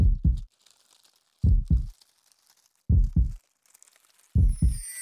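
loud heartbeat

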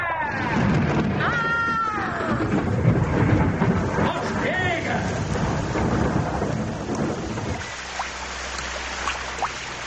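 rain falling

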